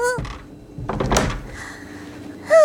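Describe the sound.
A door is pushed shut quickly, giving a short scraping rush and a solid thunk. Brief voices come just before it and right after.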